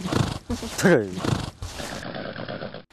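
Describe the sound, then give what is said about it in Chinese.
A horse named Xiaohei gives a loud, shaky whinny and snorts restlessly during training, repeatedly tossing his head, with the dull thuds of hooves stamping on the ground and indistinct voices murmuring in the background. “小黑在训练过程中频繁摆头跺脚，这是他感到疲惫烦躁的信号。”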